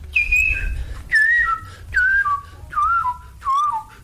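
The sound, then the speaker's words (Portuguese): A person whistles an imitation of the song of a bird from Brasília: five short descending phrases, each gliding down in pitch, repeated at a steady rhythm, clear with a faint low rumble underneath. “Tinha um pássaro em Brasília que tinha uma escala maluca, assim, porque ele fazia esse efeito.”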